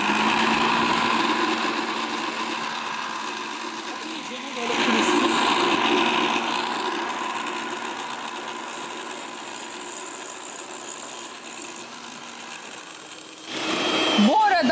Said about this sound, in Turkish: Omuz omuza makinelerimiz var. Ne yapıyoruz şimdi bak. İki aynı anda ben blenderımı açıyorum. O mikserini açıyor.